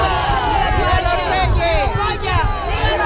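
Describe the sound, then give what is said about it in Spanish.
A dense street crowd in Melilla, Spain, cheers and shouts during the visit of King Felipe and Queen Letizia, many overlapping voices rising and falling in a loud, continuous roar of excitement for about three seconds. “Pero como decimos, don Felipe y doña Leticia se han dado un baño de masas estos días, vitoreados en la calle por miles de españoles, ceutíes y melillenses.”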